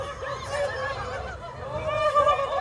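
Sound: ducks quacking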